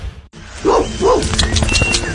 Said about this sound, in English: Summer walks, trips to the park, chasing after an excited dog that still thinks it's a puppy.